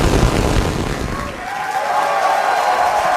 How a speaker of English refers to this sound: Starship, the largest and most powerful rocket in history, launched from Texas. SpaceX employees cheered as the rocket blasted off from its new launch pad in Texas.